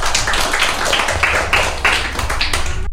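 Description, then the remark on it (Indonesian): A group claps together in steady, dense, loud applause for friends who recited Malay pantun in Tanjung Pinang, continuing for a few seconds before cutting off abruptly. “Sekali lagi tepuk tangan yuk untuk teman-temannya.”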